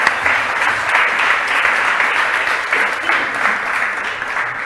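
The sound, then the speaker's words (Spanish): Sustained applause from a sizable audience for the vice president, Germán Meardo, steady and fairly loud throughout, with dense clapping that swells slightly in waves and no clear voices standing out. “Germán Meardo, cuando quiera, por favor, un aplauso, por favor, para el vicepresidente.”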